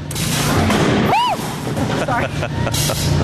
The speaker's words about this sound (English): So we'll do a countdown. This will be your button to push. All right. And so then it will fire the cannon, and then it will shoot right at the glass. 3, 2, 1.